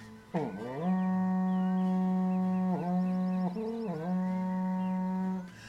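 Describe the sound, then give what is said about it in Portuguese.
A berrante cattle horn blares in one long, loud, sustained call with a deep buzzing tone, dipping and wavering in pitch a few times before cutting off, with no voices over it. “mas eu vou tocar o berrante. Chama no berrante, meu povo!”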